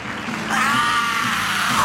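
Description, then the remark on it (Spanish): A person lets out one loud, sustained scream lasting over a second, the pitch wavering and arching before trailing off. It is forceful, with no talking around it. “Buen grito, hermano.”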